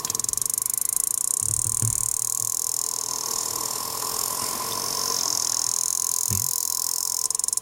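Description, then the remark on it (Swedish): Sperm whale clicks recorded underwater: a steady hissing, humming background with sparse, short thumping pulses, the clearest two arriving several seconds apart. No voices. “Vi lyssnar, så här låter valarnas språk.”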